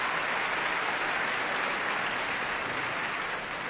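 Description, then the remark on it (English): An opera audience applauds and cheers steadily as the performers curtsy and bow, a dense, even wash of clapping that holds at the same strong level throughout, with no talking over it. “She's in a gown of icy blue, her hair down, Koloff looking the warrior, in gray and brown, and they're curtsying and bowing to this cheering crowd.”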